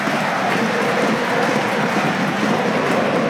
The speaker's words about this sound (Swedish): Framför de nu hoppande, studsande, applåderande supportrarna AIK som kan njuta av att ha ett fotbollslag som inte har förlorat på ett antal veckor och som har klättrat och klättrat i den allsvenska tabellen.